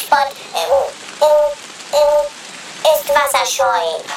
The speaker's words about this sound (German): Wir können ja nicht warten, bis der Regen aufhört. Es regnet immer noch wie aus Eimern.